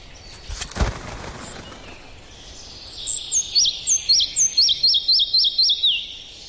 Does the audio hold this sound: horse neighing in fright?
no